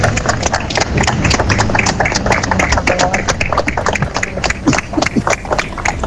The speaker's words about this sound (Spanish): Así finalizaba ese minuto con unos improvisados aplausos de las poquitas decenas de personas congregadas en la plaza del consistorio, porque el día a esa hora no acompañaba con una intensa lluvia que caía sobre la ciudad.